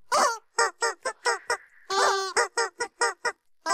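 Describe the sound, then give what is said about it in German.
A squeaky rubber chicken squeaks out a song melody for a music-guessing quiz: about a dozen short, loud, nasal honks in a quick rhythm, with one longer held squeal midway. No voices. “Ihr habt ganz fleißig mitgerätselt, heute Morgen wieder, was das verrückte Huhn da gequietscht hat am musikalischen Mittwoch.”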